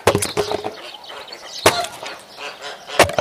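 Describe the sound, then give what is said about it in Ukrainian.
An axe chops firewood: a quick flurry of sharp wooden cracks at the start, then two heavier, separate strikes that split the log with a splintering snap, with no voices. “А ти знову своєю сокирою до літа будеш ці дрова рубати.”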